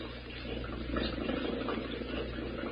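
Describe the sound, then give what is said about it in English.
A boat motor is started and chugs steadily with a low droning hum, mixed with bubbling, churning water. It holds at a fairly even, moderate level throughout, with no voices. “Let's get this motor running.”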